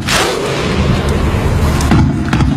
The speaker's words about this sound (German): Das war legendär. Und jetzt hat Norwegen das Klatschen der Isländer einfach mit Rudern ausgetauscht.